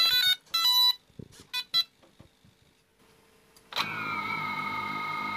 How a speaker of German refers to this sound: Das Scharfstellen und das Anschalten der Drohne, das klingt dann so.